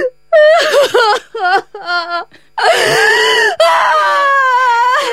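A woman wails and sobs in loud, broken bursts, her voice rising and falling in strained, pitched cries before breaking into a long, sustained howl of weeping.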